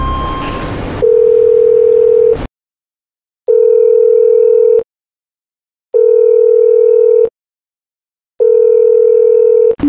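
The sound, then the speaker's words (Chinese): A phone ringback tone repeats steadily as a staff member calls a sales director from a mobile phone: four long, clear beeps with silent pauses between them, loud, after a brief burst of noise at the start, with nobody picking up. “好，我现在就找黄总监，那工作人员用我那个手机，给那个黄总监打电话联系一下。”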